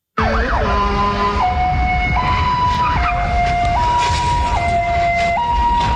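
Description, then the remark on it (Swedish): A police siren wails in a steady two-tone, high-low pattern, loud, over a constant roar of engine and road noise as a police car chases a fleeing moped at high speed in Tusby. No one speaks. “En polisbil kör upp bredvid en mopedist i hög hastighet.”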